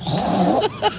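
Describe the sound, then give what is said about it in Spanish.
A woman on Basque regional television does a pig impression: a drawn-out, wavering nasal grunt followed by two quick, breathy snorts, fairly loud. “Un cerdo.”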